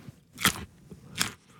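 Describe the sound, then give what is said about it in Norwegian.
Two sharp, crisp crunches about three quarters of a second apart as Erling Braut Haaland bites into fresh in-season Norwegian carrots, with faint chewing noise between them. “Her en lydprøve av norske gullerøtter i sesong, utført av Erling Braut Haaland.”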